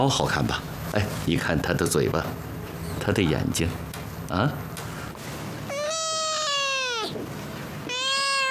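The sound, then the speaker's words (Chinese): A man speaks at first, then a cat meows twice: one long, drawn-out meow falling in pitch, followed by a shorter one right at the end. “哎，你看我这只猫好看吧？”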